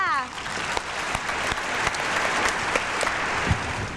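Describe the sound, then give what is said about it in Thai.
Sustained applause for contestant number 7 at a spelling contest, dense and steady clapping that fills all four seconds at an even loudness, with a brief voice at the very start. “ใครจะเป็นคนต่อไปเนาะหมายเลขมาค่ะคนต่อไปก็คือหมายเลขเชียร์เพื่อนด้วยหมายเลข7ค่ะ”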